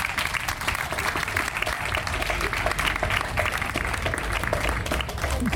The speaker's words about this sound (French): Et en cela, je pense qu'on peut vous dire merci et vous applaudir même. Je pense qu'on peut les applaudir, s'il vous plaît.